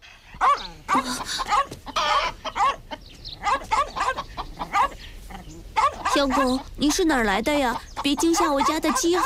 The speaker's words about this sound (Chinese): 一只小花狗走进了鼎晨家的院子，鸡都被吓得跳到了房顶上。